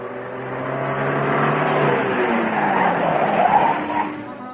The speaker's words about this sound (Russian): Слышен шум останавливающегося у дома автомобиля.